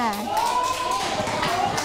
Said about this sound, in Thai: ขอเสียงปรบมือให้เพื่อนด้วยค่ะ